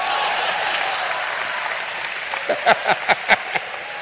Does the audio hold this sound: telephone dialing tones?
no